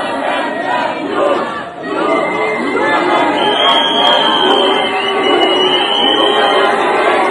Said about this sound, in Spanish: Están en un balcón como si fueran reyes y abajo la gente. Pero lo que parece que no escucharon es que de abajo los putean hasta cansarse. Mirá lo que pasó. Escuchá cómo los abuchean, ¿no? Salen ahí y les gritan.